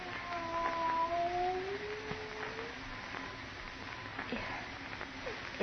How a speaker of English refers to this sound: It is a cat. Not a cat. Look at the size of it. Tiger.